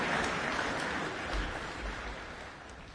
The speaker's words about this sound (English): Pianist Pahali Jonkanen playing the Appassionata, Beethoven's Piano Sonata, number 23 in F minor. The applause going on. Certainly was a very popular performance, that one.